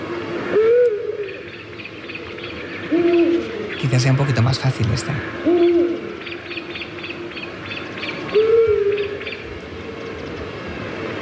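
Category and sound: bird, scops owl calling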